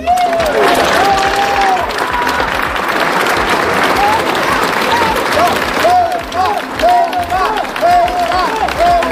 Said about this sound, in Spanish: Pues como pueden escuchar, gritos de apoyo a Ceuta, también gritos criticando al gobierno en una concentración que terminaba con el himno nacional que interpretaba la banda.